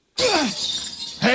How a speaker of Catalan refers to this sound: Escolti, miri, agafi també aquest martell, va, pugi per l'escala, i quan arribi a dalt a la claraboia, a l'últim vidre, trenqui'l. Va, vinga, enfilis, escala amunt. Va, escala amunt, amunt. Sí, sí, és aquest vidre. Va, trenqui'l.